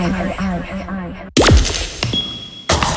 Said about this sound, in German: Das Glas ist geöffnet. Sauber.